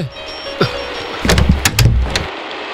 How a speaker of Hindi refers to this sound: दरवाजा खुला। ये रसोई घर था।